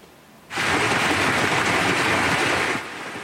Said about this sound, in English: You can see the size of that hail coming down. A red alert was issued for the Claresholm region around 5 p.m., warning of strong wind gusts, hail, and heavy rain.